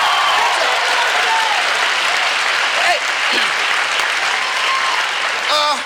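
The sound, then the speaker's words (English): Sustained audience applause at the opening of a show's monologue, a dense, steady roar of clapping with occasional cheers and whoops rising above it, loud and continuous throughout. “I think we've used up almost all of my monologue time and applause.”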